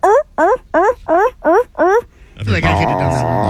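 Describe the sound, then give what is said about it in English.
A person imitates a California sea lion's bark with six loud, evenly spaced honking calls, each with a rising-then-falling pitch, followed by a burst of mixed noisy voices and sounds. “which are California sea lions. It's what they sound like.”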